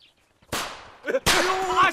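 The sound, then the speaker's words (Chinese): Firecrackers lit by a young man go off in two sharp, loud bursts, each trailing into a hissing crackle, with a voice shouting over the second burst. “哎，队长，是那小子把鞭炮给点着了。”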